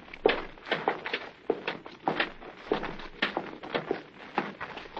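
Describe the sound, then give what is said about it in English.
Footsteps of a blindfolded man following another person upstairs climb a flight of stairs, a steady series of about ten dull thuds at an even walking pace, with no talking over them. “Well, I'll follow you then. Up these stairs.”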